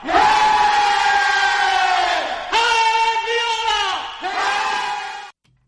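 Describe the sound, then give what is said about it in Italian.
A male Italian singer from Florence sings a rousing Fiorentina football fan song in three long, held phrases, loud, with a full, ringing tone and brief breaks between lines before stopping abruptly. “Questo naturalmente è …, deve essere un super tifoso della Fiorentina”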